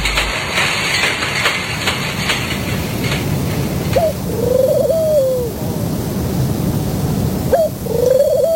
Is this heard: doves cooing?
yes